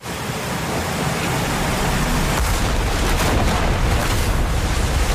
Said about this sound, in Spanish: el músico vuelve a Barcelona después de haber triunfado en Nueva York con el estreno de su ópera Goyescas, cuando el barco en el que viajaba... ¡Ay! Es torpedeado por un submarino alemán.